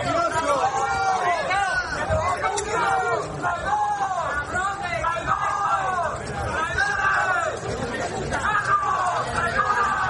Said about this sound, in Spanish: Este era el recibimiento entre gritos e insultos.